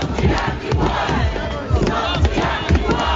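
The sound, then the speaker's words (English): A crowd of hundreds of protesters on the steps of Parliament in Wellington chants and shouts together, demanding a response to new water bills. A dense, loud wall of overlapping voices with rhythmic surges throughout, no single voice standing out. “In this update, hundreds of Wellingtonians have taken to the steps of Parliament to demand a response to new water bills.”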